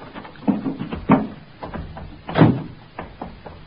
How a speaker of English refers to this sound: I opened the door of the car.